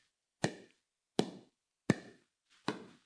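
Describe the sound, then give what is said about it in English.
Four sharp, hollow pops of a pickleball paddle striking the ball, evenly spaced about three-quarters of a second apart, fairly loud with brief decays and no talking, before the ball goes out of bounds. “I have never picked up a pickleball racket, by the way, but this is the sound. It's a paddle.”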